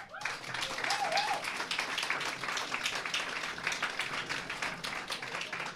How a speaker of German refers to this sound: Wir wollen ja eigentlich eine gemütliche Atmosphäre schaffen, deswegen ist es schön, wenn gejohlt wird und auch wenn immer wieder mal geklatscht wird. Das kommt dann im Radio ganz gut, denn die Sendung wird ja auch ausgestrahlt.